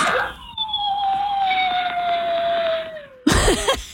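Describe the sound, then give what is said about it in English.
A dog howls in one long, steady, mid-pitched note that slowly sags lower for about three seconds, then breaks off into a brief, harsh, louder yelp or cough. The dog is Fred, a big two-year-old thought to be a Pyrenees crossed with a retriever and maybe part husky. He howls while left home alone. “Yes, he's a, we think, Pyrenees crossed with a retriever, maybe a little a bit of husky because he howls when we're not home sometimes.”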